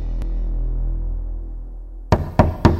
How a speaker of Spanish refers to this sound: ¿Quién estará tocando a mi puerta? A esta hora nadie despierto está.